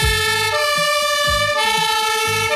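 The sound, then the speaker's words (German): Loud emergency sirens from a fire engine and an ambulance blare continuously, with steady piercing tones over a low rumbling engine that pulses underneath. No one speaks. “Natürlich, das sind die Sirenen von der Feuerwehr und vom Rettungsdienst.”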